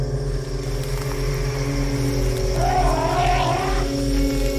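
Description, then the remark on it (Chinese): An elephant call rises and falls from deep in the forest, a brief wavering tonal cry about midway, heard over a steady low droning hum that runs throughout. “这时，人们听到森林深处传来另一头大象的叫声。”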